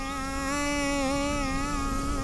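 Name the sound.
bees buzzing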